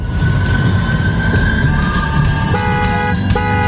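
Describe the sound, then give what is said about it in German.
A tram rumbles along steadily as an opener jingle, its wheels letting out sustained high metallic squeals that shift pitch partway through, loud with a constant low rolling roar underneath and no voices. “Welche Tram bist du? Wow, wow. Ja, das ist mein krasser Opener, den ich dir noch gezaubert habe in 5 Minuten.”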